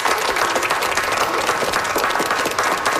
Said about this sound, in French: Je pense qu'on peut lui donner une bonne main d'applaudissements. Merci.